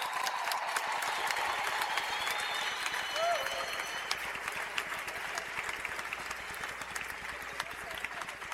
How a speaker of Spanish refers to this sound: Si va a dar ese aplauso, a dárselo bien fuerte a él.